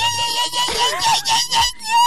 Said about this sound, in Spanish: ¿Te gusta el chamamé? No, ¿y el sapucay? ¿El sapucay? Sí. ¿Te sale un sapucay? No. Mira.